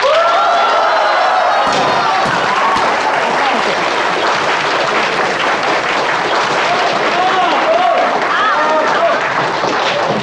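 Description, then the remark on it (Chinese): An audience breaks into loud, sustained applause, a dense wash of clapping that holds steady for about ten seconds, with scattered whoops and voices rising over it. “大家掌声鼓励。”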